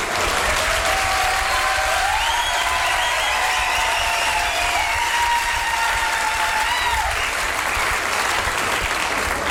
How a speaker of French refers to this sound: Là, tu peux applaudir.